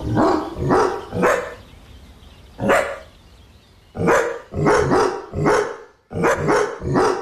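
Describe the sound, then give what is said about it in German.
A dog named Cooper barks about a dozen times in short bursts while out on a walk, loud sharp barks grouped in clusters of three or four, separated by brief pauses. No one speaks. “So klingt Cooper, wenn er Gassi geht.”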